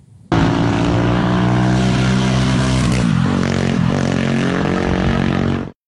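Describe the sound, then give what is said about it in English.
A car drives slowly in Wales, its engine a loud, steady drone that hums continuously for several seconds with only slight changes in pitch before cutting off abruptly. No one speaks. “And a slow car journey in Wales, perhaps.”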